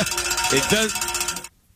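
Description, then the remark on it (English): A bell rings with a bright, metallic, sustained tone for about a second and a half, then cuts off abruptly. A faint voice may be mixed in briefly underneath. “Thank you for ringing the bell.”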